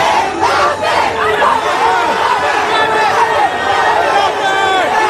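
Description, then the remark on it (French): A dense crowd of French football supporters cheers and shouts wildly at the French national team's base camp, the Four Seasons hotel in Boston, welcoming the arriving team, many excited voices overlapping in a loud, continuous roar throughout. “Des Bleus qui sont arrivés hier soir dans leur camp de base, l'hôtel Four Seasons de Boston, où ils ont été accueillis par une foule de supporters en délire.”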